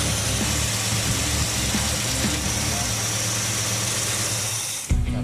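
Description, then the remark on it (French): A car engine idles smoothly and steadily after a slightly loose middle valve was fixed, a low even hum with no knocking, until a brief thump near the end interrupts it. “Et là, on se retrouve avec un moteur qui est pas bruyant.”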